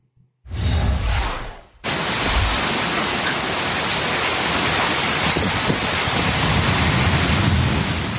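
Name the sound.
heavy monsoon rain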